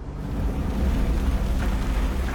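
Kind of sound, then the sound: nature, rain starting to pour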